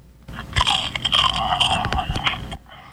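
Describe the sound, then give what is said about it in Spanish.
Loud, crisp crunching and chewing of a biscuit, a dense burst of crackly bites lasting a couple of seconds with no talking, then stopping abruptly. “A los 5 monstruos ruidosos les dio la premonición que a uno de entre sus filas le había dado por una galleta mascar.”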